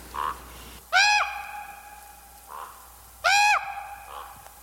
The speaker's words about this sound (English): That's right. Last week we had not one, but two mystery birds. Crows and ravens.